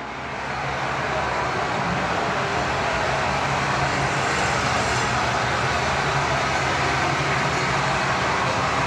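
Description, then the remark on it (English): A loud, continuous roar of simulated stadium crowd noise pumped through the Winnipeg Blue Bombers' sound system during Monday practice, dense and steady for the whole stretch with no pauses and no voices standing out. “The Bombers had their sound system cranked up with simulated crowd noise.”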